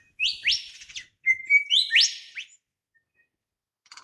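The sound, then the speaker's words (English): A lyrebird sings in an Australian gum tree forest in the morning. It gives two loud, ringing phrases of bright, high whistles with sweeping, rising notes, then falls quiet before a faint, brief rattle at the end. “I'm just glad and grateful that out of nature come these incredible things, including this Mardi Gras flourish of our lyrebird's tail and his amazing voice that's pouring up now into the morning from an Australian gum tree forest.”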